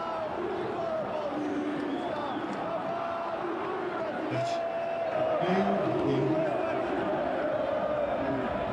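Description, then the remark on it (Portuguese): A large football stadium crowd at the Morumbi stadium during a São Paulo against Boca match, with Boca's away fans, roars steadily throughout, massed voices singing in sustained, droning chant tones and swelling slightly louder toward the end. “Torcida do Boca faz mais barulho, obviamente.”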